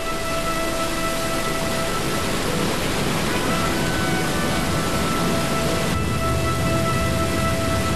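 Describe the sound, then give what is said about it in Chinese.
A steady, dense roar of rushing water pours without pause from the Nine Dragon Waterfall on the eastern slope of Huangshan, over 600 metres long, plunging from the cliff of Xianglu Peak and winding through nine falls and nine pools, loud and enveloping, with no voices or other sounds standing out. “黄山东坡的九龙瀑布，全长600多米，从香炉峰悬崖飞泻而下，辗转九回，形成九瀑九潭。”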